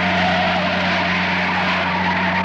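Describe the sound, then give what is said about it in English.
A truck's tires skid loudly and steadily as it turns and pulls up in front of a huge abandoned warehouse, a sustained screeching grind over a low engine hum, continuous with no voices. “The truck turned and pulled up in front of a huge abandoned warehouse.”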